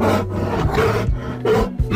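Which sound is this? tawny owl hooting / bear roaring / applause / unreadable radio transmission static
bear roaring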